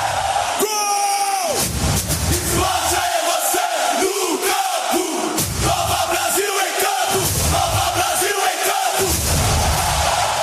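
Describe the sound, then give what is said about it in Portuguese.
A packed stadium crowd of Botafogo fans roars in celebration after Kadir's goal puts Botafogo ahead against Santos, a loud, sustained wall of cheering and yelling with rhythmic surges of chanting throughout. “Kadir coloca o Botafogo na frente. Kadir faz a festa na torcida do Fogo.”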